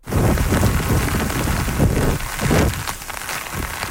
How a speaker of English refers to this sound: Winds and heavy high rain hitting eastern China. Millions there are in the path of Typhoon Bavi.